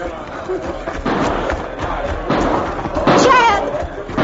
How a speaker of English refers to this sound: Those shots are coming from the jail.